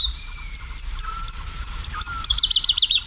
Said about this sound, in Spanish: hacia las 5, 5 y pico de la mañana, una noche de luna llena, en el cielo, colgada en el aire, hay cantando una totobía, la alondra de bosque. Y al fondo, los sonidos de los búhos chicos, de los cárabos, de los chotacabras, las aves nocturnas.